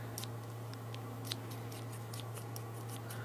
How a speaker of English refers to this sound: Can I guess? Yeah. It's scissors. Oh, correct.